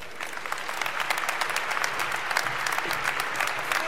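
Sustained applause from a sizable audience in Detroit for Brother Conyers, Dean of the Congressional Black Caucus, dense and steady clapping with a few louder bursts throughout, filling the whole stretch.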